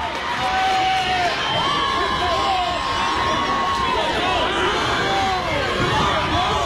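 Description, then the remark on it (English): A large crowd cheers at a softball game at Harlan Rogers Athletic Sports Complex on a late-July night, a steady loud roar of voices with high-pitched shouts and squeals rising above it for the whole stretch. “Large crowd here at Harlan Rogers Athletic Sports Complex.”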